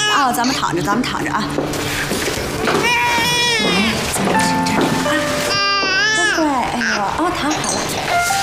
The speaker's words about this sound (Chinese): 来来来，宝宝，不哭了，不哭了，不哭了。 哎呀，阿姨抱啊！啊，阿姨好了啊！哎呀，宝宝真乖。 好了好了好了好了。